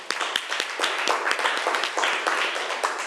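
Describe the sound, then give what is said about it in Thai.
A group claps steadily for about three seconds for the representative of group 4, who is about to present the results of a class activity: a dense patter of many overlapping hand claps at a fairly even loudness, with sharper individual claps popping out of the wash. “เอาล่ะตอนนี้เรามาดูตัวแทนห้องต้นทางกันดีกว่าว่าเขาจะนำเสนอผลการทำกิจกรรมได้ว่าอย่างไรอ่ะขอเสียงปรบมือให้ตัวแทนจากกลุ่มที่4ด้วยค่ะ”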